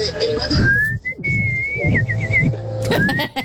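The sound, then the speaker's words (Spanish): A person whistles a rising, wavering tune that breaks into a quick warbling trill, mimicking a songbird, over a low rumbling background. “Hasta con el trino del pajarito, así.”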